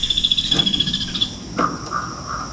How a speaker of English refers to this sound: Then a kingfisher flits past, bobbing and chattering just above the water.